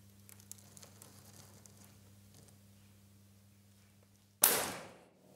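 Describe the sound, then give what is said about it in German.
A single sharp snap of a chalk line against a boat hull, setting a chalk marking on the hull, cracks out after a quiet stretch of low hum, then rings and decays over about a second. No one speaks. “Jetzt trifft jeder Schuss. Die Kreidemarkierung ist auf beiden Bootsseiten gesetzt.”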